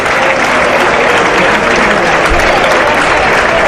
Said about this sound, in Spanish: Hay aplauso en todo caso para Morante de la Puebla.